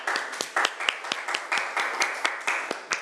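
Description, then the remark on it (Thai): A group applauds the representative of group 4, who is about to present: many hands clapping in a dense, continuous patter with sharper individual claps standing out at irregular intervals. No one speaks over it. “ยกมือแล้วจากกลุ่มที่4นะคะปรบมือดังๆให้ตัวแทนจากกลุ่มที่4หน่อยค่ะ”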